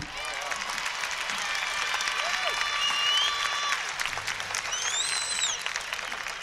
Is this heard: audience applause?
yes